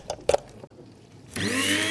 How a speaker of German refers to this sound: Und dann hier noch meine elektrische Kaffeemühle. Damit mahle ich immer meine Kaffeebohnen klein. Stecker rein.